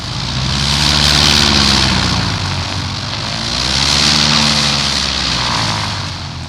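A propeller airplane drones loudly and steadily, its engine roar swelling and easing twice as it flies, with a low humming buzz underneath and no voices.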